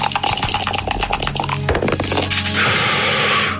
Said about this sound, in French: Qui a lancé les dés, là?